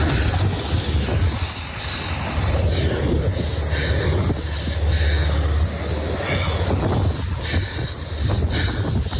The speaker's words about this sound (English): Turner shared this audio as helicopters started to drop in.